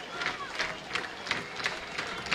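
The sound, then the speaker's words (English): A baseball stadium crowd, on its feet and wanting a strikeout to end the Albuquerque versus Sugar Land game, claps in a steady, even rhythm: seven sharp bursts over a constant wash of crowd noise, with no voices clearly picked out. “Now the clapping gets louder.”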